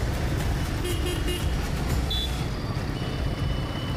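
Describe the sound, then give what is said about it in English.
Dense, constant city traffic rumbles in Mumbai, with a few short car horn toots cutting through in the first half; no one speaks. “The traffic is a challenge every time.”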